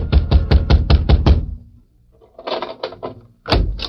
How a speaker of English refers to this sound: A few minutes later, Grabber Garson was wakened by a pounding on his door.